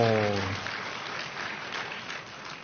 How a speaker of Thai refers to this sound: ปรบมือเบาไปนิดหนึ่ง